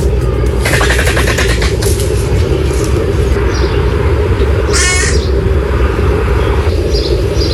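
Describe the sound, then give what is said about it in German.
Raspy, croaking calls from griffon vultures at Zoo Salzburg rise in bursts over a steady low rumble. A harsh rattling call stands out midway, and fainter squawks trail after. “Also zum Beispiel bei einem Aquarium oder zum Beispiel bei den Gänsegeiern im Zoo Salzburg.”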